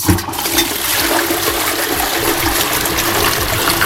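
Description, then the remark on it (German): A toilet flushes loudly, a steady rushing gush of water with gurgling swirls running the whole time, no voices. “Ich muss ja der Klospülung sein. Das ist 100% korrekt.”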